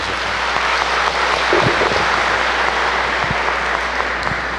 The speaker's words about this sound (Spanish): A él agradezcámosle con un fuerte aplauso.